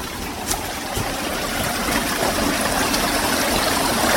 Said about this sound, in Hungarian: Kis vízesések, ahogy a patak egyre lejjebb jön.